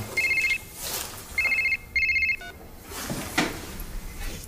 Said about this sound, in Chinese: 你等等，我接个电话。